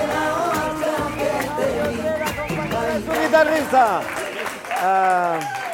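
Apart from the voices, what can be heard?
audience applause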